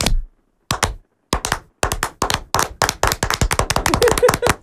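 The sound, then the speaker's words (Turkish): A group gives a rhythmic 'retired literature teacher' applause after a 3, 2, 1 count, starting with a few sharp separated claps that speed up into a fast, steady, loud burst of clapping with no talking. “Emekli edebiyat öğretmeni alkışı. 3, 2, 1.”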